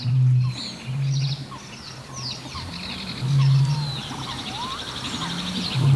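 A dense chorus of mixed wild birds at Lake Tåkern in Östergötland, picked up by a microphone at the boat jetty: overlapping chirps, trills and whistling calls, with a deep, droning hum that swells and fades in repeated pulses underneath. No one speaks.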